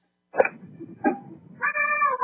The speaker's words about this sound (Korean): 이건 보통 고양이 울음에 맞거든요. 그렇죠. 어머 엄마는 진짜 와, 엄마는 정말 제대로 와. 어린 아기가 부르는 것처럼.